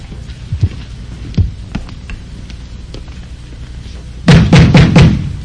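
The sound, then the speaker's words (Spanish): Heavy pounding on a door: a few scattered thuds, then a fast burst of four loud, forceful bangs, with no voices. “¡Abre la puerta, negro maricón!”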